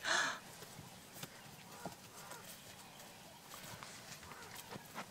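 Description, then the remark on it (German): Horses, including white mares, moving outdoors on a meadow: a loud, brief call at the very start, then scattered soft hoof thuds and rustling, with faint background noise throughout. “die wir hier sehen, ist seine Mama, die eben hier draußen auf der Wiese mit den anderen Pferden lebt.”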